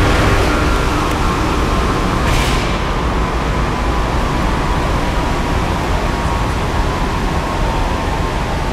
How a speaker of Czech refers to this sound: Vydávám pokyn k odstavení hlavního ventilátoru na dole ČSM lokality Jih dle příkazu závodního dolu.